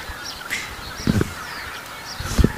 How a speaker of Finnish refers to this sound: Mutta siinä meni hanhia meidän edestä oikein hienosti. Joo. Tundrahanhia. Siinä oli valkoinen otsakilpi.